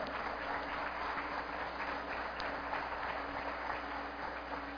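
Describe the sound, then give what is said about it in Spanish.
An audience in Caracas, including UNEFA authorities, council members and a young innovators network, applauds steadily, a dense wash of many hands clapping at an even, sustained level throughout, with no voices on top. “Un aplauso para ustedes, muchas gracias por acompañarnos en la tarde de hoy.”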